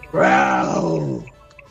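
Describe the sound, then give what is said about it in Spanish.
A person imitates a growl with their voice: a single loud, drawn-out growl lasting about a second, rough and throaty, before cutting off into quiet. “Escuchá mi gruñido.”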